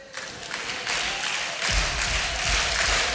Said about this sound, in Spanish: Siga aplaudiendo.